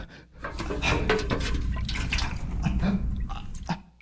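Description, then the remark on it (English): Water spills and splatters onto the ground in a steady splashing pour lasting a few seconds, with scattered drips and patters breaking through the wash of liquid. “Oops! How clumsy of me. Please, water. There is no water for you.”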